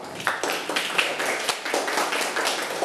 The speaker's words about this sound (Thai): ปรบมือกับเพื่อนค่ะ